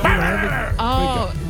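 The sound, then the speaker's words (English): A voice imitates a dog, letting out a few loud barks and yelping whines that rise and fall in pitch over about a second and a half. “What's the barking dog?”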